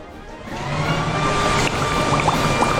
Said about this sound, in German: Okay, er sagt, er braucht auch nur ganz wenig Wasser. Da bin ich ja mal gespannt. Jetzt hält er den Gartenschlauch vor den Laubbläser.